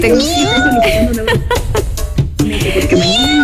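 A cat meows loudly, a string of drawn-out, wavering meows that run almost continuously, with a short break midway before the yowling resumes.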